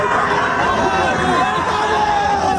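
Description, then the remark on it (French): A large crowd of fans in the United States cheers the French national football team, les Bleus, in a steady, loud roar, with many overlapping voices blending into a continuous din for the whole stretch. “Bah, sacrée ambiance, ça effectivement, plaisir.”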